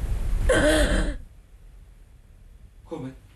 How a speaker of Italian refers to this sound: Non si lamenta più? Stenta a respirare. Proviamo con l'ossigeno.